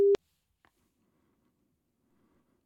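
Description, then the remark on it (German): A single short, loud telephone ringing tone, heard on the caller's end of an outgoing phone call, cuts in right at the start, then the line falls almost silent apart from a faint click and low background noise. “Und da klingelt's, so klingelt's bei mir.”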